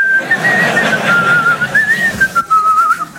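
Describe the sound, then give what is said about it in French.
Someone whistles a wavering melody while doing DIY, a clear continuous tone sliding gently up and down for a few seconds, with soft background noise and no talking. “C'est à quoi on connaît les très très bons? Il siffle.”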